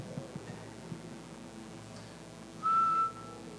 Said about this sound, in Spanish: ¿Dónde está el sonido del celular que hace? ¡Cui, cui! El brillo ese, el grillo.